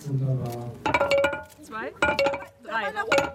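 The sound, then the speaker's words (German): Three sharp metallic symbolic hammer strikes by state and local politicians at the mid-April groundbreaking of the Travis transformation centre in central Schwedt, about a second apart, each leaving a bright ringing tone, with people's voices murmuring and calling out between and beneath the blows. “Mit symbolischen Hammerschlägen starten Landes- und Kommunalpolitiker Mitte April den Bau des sogenannten Travis-Transformationszentrums.”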